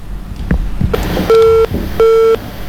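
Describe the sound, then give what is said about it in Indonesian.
Two steady electronic beeps of a disconnected phone line as a caller's call is cut off, each lasting about a third of a second with a short gap between, clear over faint background noise. “Iya, sayang sekali terputus ya.”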